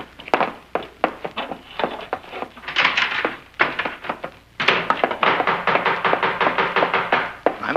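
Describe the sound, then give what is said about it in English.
Loud, insistent knocking on a door: a long series of heavy thuds that starts in uneven bursts, then turns into rapid, continuous pounding. No voices. “Now, what are you trying to do? Break the door down?”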